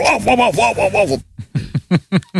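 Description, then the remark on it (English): A man's voice imitates his own dog during an interview, starting with a drawn-out, wavering whine and then breaking into five or six short, sharp barks, loud. “imitating the sound of his own dog during the interview.”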